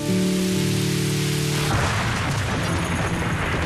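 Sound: rain falling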